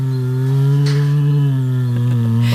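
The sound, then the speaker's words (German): An Asiatic black bear at the Neunkircher Zoo hums in a steady, loud, buzzing low drone with rich overtones, held without a break and wavering slightly in pitch, with faint breathy bursts on top. “Summt gemütlich vor sich hin, ne? Ist aber ein Kragenbär.”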